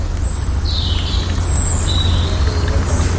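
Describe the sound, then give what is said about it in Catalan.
A small stream winds through the deepest part of a humid, densely vegetated jungle ravine, trickling steadily as a continuous watery wash, while several high, thin bird whistles and chirps ring out above it. Nobody speaks. “Si pare prou l'orella, escolte un xicotet rierol que serpenteja en la part més fonda d'este barranc selvàtic.”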